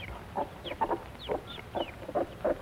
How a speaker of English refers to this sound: Mother hen keeps her baby chicks warm. Out from under mother's wing. And now the mother and her chicks come off the nest to eat. These are Plymouth Rock chickens.